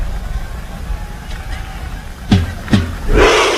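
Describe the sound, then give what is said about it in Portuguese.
A large stadium crowd murmurs, then two loud, booming drum beats ring out in quick succession as Haaland strikes the drum with a drumstick, followed by the whole crowd erupting in a roaring shout. “E a torcida grita.”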